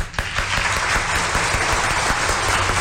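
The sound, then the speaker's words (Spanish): Steady applause from a crowd, a dense wash of many hands clapping at even loudness throughout, with faint sharper individual claps poking through. “Un fuerte aplauso para Ciruelac, por favor.”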